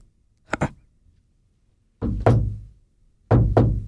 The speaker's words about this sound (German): Hörst du etwas? Ich glaube, es hat geklopft. Jetzt kommt irgendetwas rein.